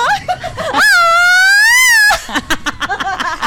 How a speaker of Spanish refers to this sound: Ahí está el gritito mexicano.